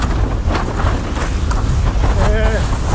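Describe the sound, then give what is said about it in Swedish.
Strong wind buffets the microphone over the steady wash of ocean waves where people are surfing, a loud continuous roar with low rumbling gusts and a brief faint voice near the end. “Jag hör inte riktigt vad du säger, men här ute i vågorna mycket jämnare.”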